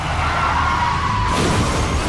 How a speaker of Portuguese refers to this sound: Chefe está capotando.